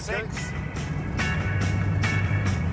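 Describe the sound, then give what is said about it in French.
A steady low engine hum from a 1960s–70s car settles into a deeper tone as the revs drop after shifting up to sixth gear into cruising rhythm, with recurring bursts of road and wind noise washing over it. “Tu remarques comme le moteur baisse d'un ton ?”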